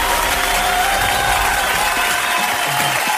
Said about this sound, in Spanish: ¡Aplausos para la